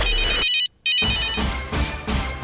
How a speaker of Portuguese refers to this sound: É, celular tocou, então tá na hora de anotar.